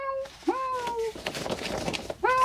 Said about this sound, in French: Tiens, voilà Mishka le chat. Tu l'entends ?